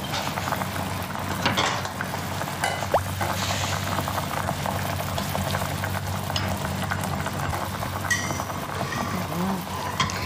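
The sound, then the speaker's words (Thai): Young vegetables blanching whole and uncut in a pot of boiling water, a dense, steady bubbling hiss that fills the whole stretch, with a few faint clinks and stirring noises. “แต่ถ้าเราลวกเราก็เลือกเอา ใช่ค่ะ เอาแบบว่าเด็ดดังเปาะ ลวกไปเลยทั้งต้นยังไม่ต้องหั่นใช่ไหมคะ ใช่ค ่ ะ ใส่เลยนะคะใส่หมดเลยนะคะ”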